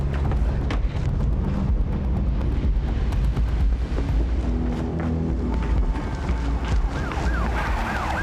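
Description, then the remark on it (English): An ambulance siren wails in the second half, its rising and falling tone growing louder as it approaches over a heavy, loud rumbling roar that fills the whole scene. “Where's that ambulance?”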